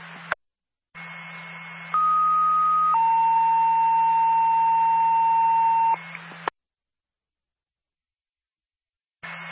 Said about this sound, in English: Lincoln Base, Linwood Ambulance, stand by for a tone.